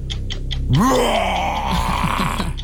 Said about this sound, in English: Lion.